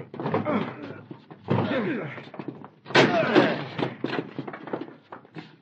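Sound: door being broken down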